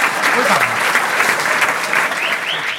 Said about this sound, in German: Ihr könnt nur eine Weile klatschen.